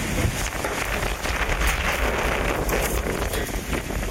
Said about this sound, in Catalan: Aquest és el so que va deixar ahir a la tarda un esclafit a l'avinguda Carrilet de l'Hospitalet, que en 3 minuts va canviar totalment l'aspecte d'aquesta zona del barri de Santa Eulàlia, amb tendals caiguts, arbres trencats i motos per terra.